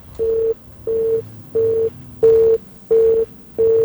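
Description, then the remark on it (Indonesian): A telephone busy signal after a call disconnects: a steady mid-pitched tone pulsing on and off in even beats, six clear repetitions, loud, over a faint background hum. “Ah, terputus ya sahabat budaya.”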